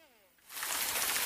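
A brief trailing voice fades out, then a steady, loud hiss of falling rain sweeps in and fills the rest of the moment, dense and close.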